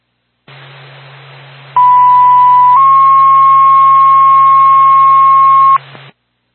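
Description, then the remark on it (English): Whitefield Fire Department dispatch alert tones over a radio channel, paging a response to a fire alarm activation on Airport Road in Whitefield: a loud, steady high tone for about a second, then a slightly higher tone held for three seconds, with static hiss and low hum before and after. “Stand by for tone.”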